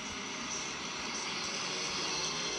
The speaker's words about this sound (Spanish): Ah, está reparte. ¿Él reparte? Claro. Tiene está filmando a uno que reparte. Ah, no sé. Filmó una moto. Una moto de reparto. De sí. Reparto, de las más conocidas, la marca sí. Conocida. Y tiene amarrado un parlantito, la moto.